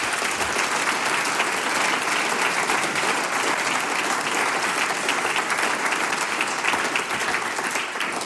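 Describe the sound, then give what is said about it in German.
An audience applauds the day's production team steadily, a dense wash of many hands clapping at a constant, fairly loud level for the whole stretch, with no voices rising above it. “Bitte um einen großen Applaus auch für unser heutiges Sum-Team.”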